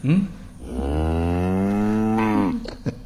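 A single long, low cow moo swells and holds steady for about two seconds before tapering off, loud, with a couple of brief soft noises at the start and end.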